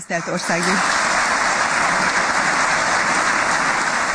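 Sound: applause in parliament building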